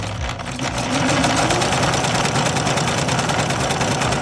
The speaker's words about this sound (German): Darum machst du jetzt mit mir direkt den Test. Kannst du den Stich dieser Nähmaschine am Geräusch erkennen?